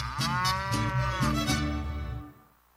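A cow moos loudly in one long, drawn-out, harmonic call lasting over two seconds, then it fades to quiet.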